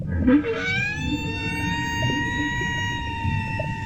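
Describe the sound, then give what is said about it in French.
A whale calls underwater in one long, drawn-out cry that swoops upward and then holds a steady, ringing tone over a low, murky rumble. No one speaks. “Elle peut pas pêcher toute seule, cette baleine?”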